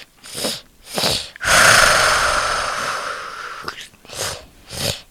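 A video game sound effect of the Ender Dragon: two harsh, breathy snorts, then a long rasping roar lasting about two seconds, followed by two more snorting breaths. No one speaks.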